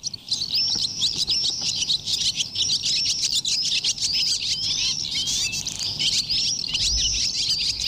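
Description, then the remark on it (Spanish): Barn swallows twitter and chatter nonstop, a dense stream of rapid, high-pitched chirps and warbles from several birds, steady and fairly loud over a faint low background rumble. “Ahora despedimos a las golondrinas.”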